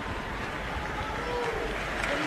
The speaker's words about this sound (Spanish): Era parte de mi equipo en La Voz y es catamarqueño y quiero que le reciban con un cariñoso aplauso